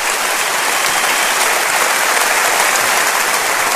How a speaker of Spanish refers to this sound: Dele un aplauso a Cristo, por favor.